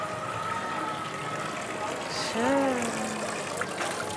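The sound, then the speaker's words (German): Clean, drinkable water from a fountain dating from the 15th century, in the heart of an old town, runs in a steady, even hiss and splash throughout, with a brief pitched, voice-like tone rising and falling briefly about halfway through. “Ist der traumhafte Brunnen?”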